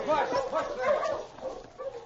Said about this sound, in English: As the wolf pack moved nearer, Bill, the crook, tried at first to increase his pace, but the pain in his ankle was too great.